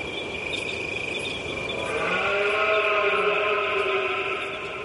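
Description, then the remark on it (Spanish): A red deer stag bellows during the rut in Gorbea Natural Park, Álava, one long, deep, drawn-out roar rich in harmonics, rising out of a steady background hiss with a thin, constant high-pitched insect-like whine. “El motivo es este sonido, proteger la berrea de los ciervos.”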